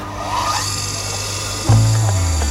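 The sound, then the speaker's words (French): A chainsaw chain sharpening machine in a workshop truck hums steadily, then its motor note jumps louder and lower partway through, a continuous mechanical whine with a gritty edge. “Alors, tu vois, là tu as une machine pour faire les chaînes de tronçonneuses.”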